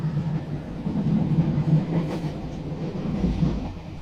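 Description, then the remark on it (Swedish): A train bound for Stockholm rumbles steadily along its rails, a continuous low rolling drone with faint rhythmic clatter and a brief brighter squeal midway, heard alone with no voices. “Och jag sätter mig på tåget till Stockholm för att ta reda på mer.”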